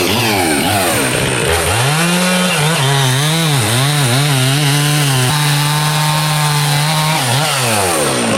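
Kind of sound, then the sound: tool, chainsaw running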